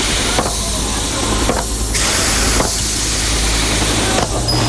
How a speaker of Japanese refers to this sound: 宇宙船の扉が閉まり始めました。